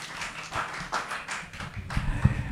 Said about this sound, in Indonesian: Tepuk tangan dong.